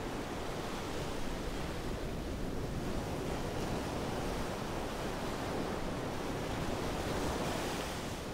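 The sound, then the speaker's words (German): Ocean waves surge against a new stone breakwater and onto a completely flooded beach in front of houses, with the water still rising toward the forecast high, in a steady, dense roar of surf, with wind rushing across the microphone; no one speaks. “Wird der neue Steinwall der Kraft der Wellen standhalten?”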